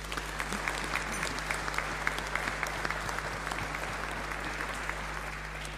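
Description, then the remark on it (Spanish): Steady welcoming applause from a sizable church audience before Mass, for groups from Paraguay Chico, the Capilla Sagrado Corazón de Quillagua and the Capilla Juan Pablo II de Cuesta la Vaca. It is a dense rattle of many hands clapping continuously at an even level, with a low constant hum underneath. “Así que a ellos también les damos un fuerte aplauso de bienvenida.”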